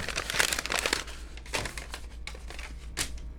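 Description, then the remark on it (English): Crisp paper being crinkled and crumpled in irregular bursts of crackling, with brief pauses between handfuls, over a low steady hum and no voices. “and today there's thousands of content creators out there making grips of money, whispering into Shure SM-81s, rubbing leather against their skin, rolling, I don't know, walnuts around in their palms, crinkling paper.”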